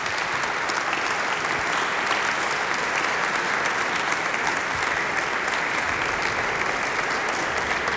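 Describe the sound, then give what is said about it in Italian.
An audience in the Cappella Paolina at the Quirinale applauds to welcome the ensemble Ritratti, a group from the RAI National Symphony Orchestra, at a Radio 3 concert: a dense, even wash of many hands clapping for about eight seconds at consistent loudness with no voices standing out. “Oggi con ospite un gruppo dell'Orchestra Sinfonica Nazionale della RAI, l'ensemble Ritratti, che io vedo già in fondo alla Cappella Paolina e che quindi chiedo di accogliere con un applauso.”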